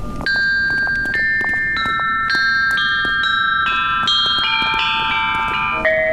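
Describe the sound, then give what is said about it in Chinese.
A bianzhong performance for an audience: a sequence of struck bronze chime bells plays a slow melody, each ringing strike bright and sustained, stepping through pitches that climb gradually over a steady background rumble. “请各位观众欣赏精彩的编钟表演。”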